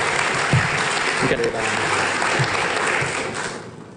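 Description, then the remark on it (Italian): An audience at a round table on Cleantech in Italy applauds a speaker being introduced, with steady, dense clapping that holds at a fairly loud level, then begins to thin and fade toward the end, with faint voices mixed in. “Un applauso, grazie.”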